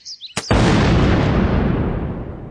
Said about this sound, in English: One day I decided to see what would happen if I struck a torpedo under my grandmother's back steps. I used a garden rake to whack it, and the deafening blast was followed by ringing in my ears.